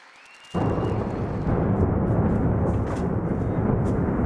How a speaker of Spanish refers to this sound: Esta era la explosión y la posterior bola de fuego que generaba un ataque ruso en el centro de Kiev. Esta madrugada la capital ucraniana ha vuelto a estar en alerta por misiles y drones lanzados por Moscú.